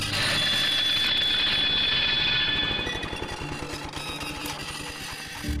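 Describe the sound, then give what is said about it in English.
A harsh, high metallic screech from a lawnmower about 50 metres away rings out loudly over a rattling motor, then gives way to a rapid mechanical clatter that continues steadily at a slightly lower level. “Suddenly, from the direction of the mower, came a sharp metallic screech.”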